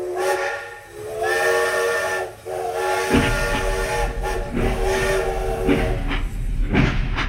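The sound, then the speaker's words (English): A steam train's whistle wails in long, harmonic blasts over a steady hiss of steam, with heavy low rumbling chugging joining in partway through, loud throughout. “And then we have trains.”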